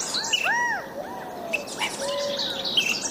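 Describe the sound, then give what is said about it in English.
Several clear, arching bird calls ring out over about three seconds, with higher chirps scattered in the background; a California quail, the state bird, calling among other birdsong, moderately loud. “The California quail is our state bird.”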